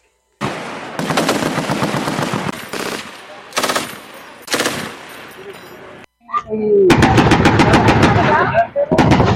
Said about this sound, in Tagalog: Mientras sa paparani subot ang mga kalaban, sinabat man sinda, ninputok hali sa artillery asin armory kang Philippine Army na nakaabang sa pampang kang dagat.